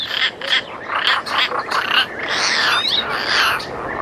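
A European roller gives a run of harsh, rasping croaks and chattering calls, loud, repeated in quick bursts over four seconds with no talking.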